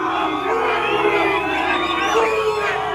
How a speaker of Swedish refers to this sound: Ja, utanför hotellet ackompanjerades den engelska spelarbussen av intensiva burop från mexikanska supportrar.